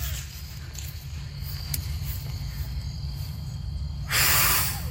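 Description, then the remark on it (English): A child blows a single sharp puff of air near the end, a brief loud breathy whoosh over a steady low rumble of background noise. “And we took a dandelion and we tried to blow off all the seeds, but only one side would come off.”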